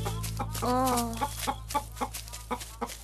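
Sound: flock of chickens clucking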